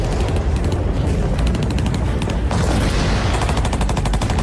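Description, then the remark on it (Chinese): Dense, continuous battle din as the Huaihai Campaign opens on 6 November 1948: rapid bursts of gunfire crackle in repeated volleys over a deep, rumbling low roar of artillery, loud and sustained throughout with no voices. “1948年11月6日，伴着隆隆炮声，淮海战役正式打响。”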